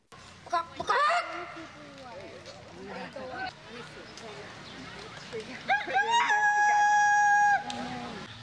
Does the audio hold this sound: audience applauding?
no